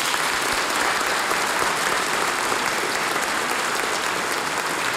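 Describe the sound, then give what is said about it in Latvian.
An audience at the 55th anniversary celebration of a children's vocal ensemble applauds steadily, a dense, even wash of many hands clapping at a fairly loud level, with no clear pauses or voices on top. “Aplausi.”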